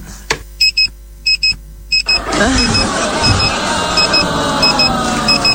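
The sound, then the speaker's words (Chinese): An electronic alarm clock beeps in quick, repeating clusters of loud, high-pitched pulses; partway through, a broad rushing noise swells up and the beeping carries on beneath it. “为什么我感觉他一闭眼闹铃就响了？”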